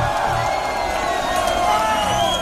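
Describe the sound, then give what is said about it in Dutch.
A large crowd cheers and applauds loudly and steadily, with whoops and shouts rising out of a dense, continuous roar for the whole moment. “Dames en heren, mag je waanzinnig applaus.”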